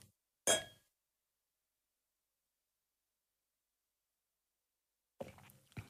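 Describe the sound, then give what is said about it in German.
A single bright clink of wine glasses touching in a toast, ringing briefly before a long silence, followed by faint soft handling noises near the end. “Mal gucken. Prost. Prost.”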